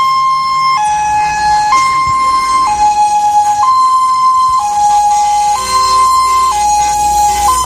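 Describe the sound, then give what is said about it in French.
A loud two-tone siren from a rally information car alternates steadily between a higher and a slightly lower pitch, roughly once per second, with a faint vehicle rumble underneath and no talking. The car warns spectators not to stay by the road before the rally passes. “Alors ça c'est la voiture info pour avertir les gens de ne pas rester.”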